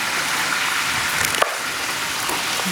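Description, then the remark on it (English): Chicken frying in hot oil on the higher heat for its final fry of a double fry gives a loud, steady sizzle: a dense hiss full of tiny crackles and pops, with one sharper pop partway through and no voices. “Now, while we wait for the chicken to go back down there for its final fry.”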